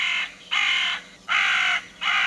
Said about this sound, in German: Oder die Rabenkrähe.